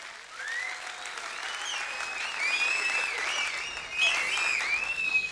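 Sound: audience applause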